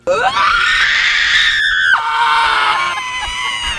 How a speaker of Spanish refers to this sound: Súbele, aquí tengo a las personas gritando, güey. A ver. Es el guttural. Ya, es el. Se está gritando la gente enfrente al mar.